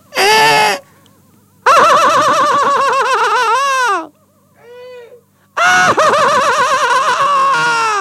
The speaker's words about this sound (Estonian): Kas ma tohiks siia vahele teha kajakanaeru teie lemmikhäält? Jah. Palun. Tähelepanu ja nüüd 15 sekundit kajaka naeru.